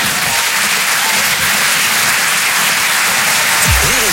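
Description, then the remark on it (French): Steady, dense audience applause, a loud crackling wash of many hands clapping throughout, with a brief faint voice-like rising tone near the end. “Et des gens qui ont arrêté d'applaudir dès qu'ils ont vu ma tête.”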